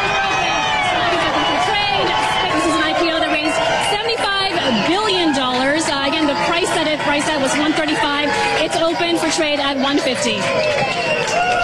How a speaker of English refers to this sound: A lot of energy in the room. You can tell that there is applause, excitement, hugs, smiles. I mean, there are a lot of employees who started here day one in 2002, and so they've been waiting for this moment.